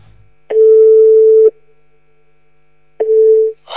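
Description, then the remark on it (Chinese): A steady, loud telephone dial tone sounds alone for about a second, falls silent, then returns briefly before cutting off, with a faint rustle at the end, as a local police officer places a call to a patient's family. “我是辖区民警，我现在就打电话联系啊。”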